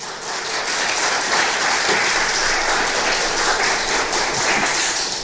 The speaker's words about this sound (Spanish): ¿Cuántos dicen gloria a Dios? Un poderoso aplauso al Señor.